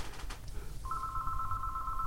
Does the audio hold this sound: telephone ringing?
yes